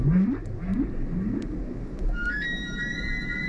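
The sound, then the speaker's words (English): Humpback whale song: a series of low, rising moans repeating in a slow rhythm over a rumbling background, followed by higher, sustained whistling tones. No voices are heard. “we still have quite a lot to uncover about humpback whales.”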